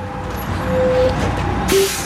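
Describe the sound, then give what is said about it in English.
A commuter bus to San Francisco idles at 7:45 in the morning with a low engine rumble and a faint whining tone, then its air brakes let out a sudden sharp hiss of released air near the end. No one speaks. “It's 7:45 in the morning, and the lanky 25-year-old boards a commuter bus to San Francisco”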